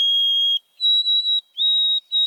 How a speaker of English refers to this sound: And this summer, Maywood Park held a mystery. Throughout June and July, it hosted an oversummering white-throated sparrow. Every morning, I'd hear its clear, pipe-like song.